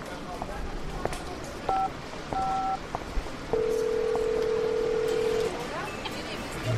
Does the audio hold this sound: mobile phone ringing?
yes